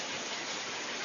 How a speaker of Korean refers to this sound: 샤워기 소리. 오, 맞으셨어요. 이게 10분 동안 나오는 소리네. 되게 신기하다.